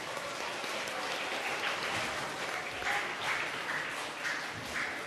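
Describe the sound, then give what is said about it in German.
Steady audience applause, a dense wash of many hands clapping at an even, moderately loud level throughout, with no voices standing out. “Vielen lieben Dank und einen heftigen Applaus von euch.”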